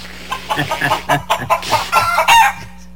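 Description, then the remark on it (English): Chickens cluck in a busy, overlapping series of short calls, steady over a low background hum, with no one talking. “you can't hear, but I have clucking chickens in the background.”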